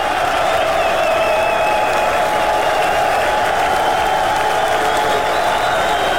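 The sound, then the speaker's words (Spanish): An audience applauds Shaddai (God) steadily, a dense, loud wash of clapping from many hands that holds evenly for several seconds, with faint crowd noise mixed in and no one speaking over it. “Ese aplauso a Shaddai.”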